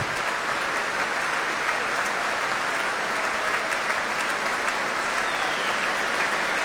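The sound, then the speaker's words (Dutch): Sustained applause from a large concert audience for the orchestra's horn players, with conductor Klaus Mäkelä back on the stage; a dense steady wash of clapping hands that holds at an even level throughout with no pauses or voices standing out. “Een applaus nu voor de hornisten.”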